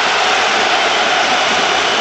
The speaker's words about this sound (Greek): Ακούτε και τις αποδοκιμασίες.